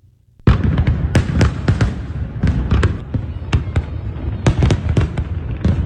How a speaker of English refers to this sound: We're watching the Brooklyn Bridge, New York City fireworks. That's pretty cool, isn't it?